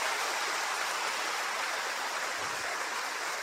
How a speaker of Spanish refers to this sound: Aplauso para la iglesia del Señor.